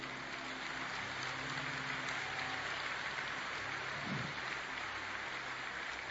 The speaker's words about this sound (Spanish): Denle un mejor aplauso.